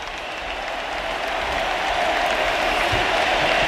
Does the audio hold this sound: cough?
no